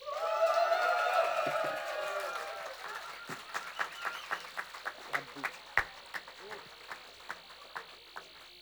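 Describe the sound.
Concert audience applause for the keyboard player: a few seconds of loud cheering and whooping voices, then scattered individual claps that thin out and fade over several seconds.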